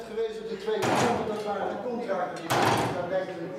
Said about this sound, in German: Sekunde um Sekunde wie Hammerschläge. Das Uhrwerk, alte analoge Technik, aber präzise und mit dem Glockenspiel verbunden, das zu festen Zeiten erklingt.